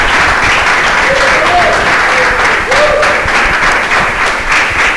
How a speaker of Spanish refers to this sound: Un aplauso para el CB Zamora